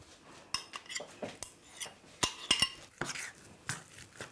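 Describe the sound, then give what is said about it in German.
Dough made with peanut butter being stirred by hand in a bowl as it turns smooth, with a utensil repeatedly clinking and scraping against the sides in quick, irregular knocks, with no one talking. “Ja, jetzt wird das eigentlich schon zu einem glatten Teig. Ne? Braucht man eigentlich keinen Rührstab für oder keinen Mixer.”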